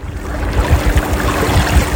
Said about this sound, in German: Da haben wir uns das Motorboot und sind da eine Stunde am Mondsee rumgefahren und das ist einfach schön. Und dann dieses Geräusch von diesem Glucksen des Wassers.